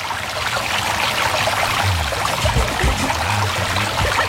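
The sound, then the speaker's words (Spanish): A steady stream of water in a river runs and babbles continuously, with gurgling splashes over a constant rushing wash. No voices are heard. “Las piedras, los pajaritos, ahí tranquilito, reposadito, viendo el agua correr, relajado.”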